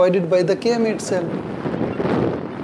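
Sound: wind blowing outdoors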